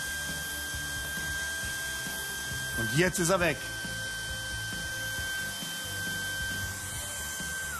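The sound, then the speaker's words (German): A Sense IQ vacuum cleaner with four filters (steel, HEPA and two motor filters) runs steadily throughout, sucking up fine dust, its motor giving a constant high whine over a broad rushing hiss. A man speaks briefly over it partway through. “Das ist Staubsaugen in der Zukunft.”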